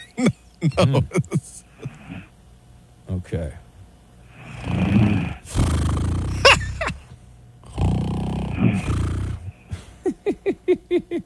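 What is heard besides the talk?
snoring getting louder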